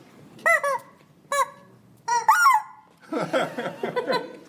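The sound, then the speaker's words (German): Chickens cluck and squawk in short, loud bursts, then break into a busier, overlapping flurry of clucking near the end. There is no talking. “Das sind Hühner, keine Enten.”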